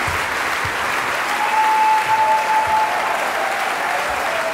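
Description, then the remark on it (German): A concert audience applauds steadily, demanding an encore after Mozart's Piano Concerto No. 20 in D minor, K. 466, under Antonello Manacorda, with dense clapping filling the whole stretch at an even, fairly loud level with no one speaking over it. “Ja, und Sie hören es, meine Damen und Herren, das Publikum verlangt hier eine Zugabe.”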